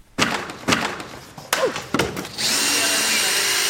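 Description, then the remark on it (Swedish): Several sharp clattering thuds, roughly every half second, as the Liberal party's election pavilion is knocked apart with tools at Mälare torg on Ekerö outside Stockholm, Sweden, followed by a steady loud whirring of a power drill running continuously. “På Ekerö utanför Stockholm är det med bitterljuv smak i munnen som valbåset rivs.”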